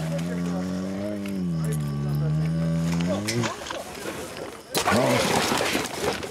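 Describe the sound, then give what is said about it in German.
A trapped young male bear in a small town in southern Transylvania, about to be relocated and sedated by a vet, lets out a long, deep moaning roar, then rough, noisy growling and a second short bellowing burst near the end, with no one talking. “Der Tierarzt betäubt den Bären, damit er sich nicht verletzen kann.”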